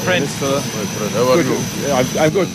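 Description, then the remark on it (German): A steady jet engine roar with a thin high whine fills the background while people talk over it, as an airplane arrives in Nouakchott, the Mauritanian capital, and a passenger gets off. “7 Stunden später steigt er in Nouakchott, der mauretanischen Hauptstadt, aus dem Flugzeug.”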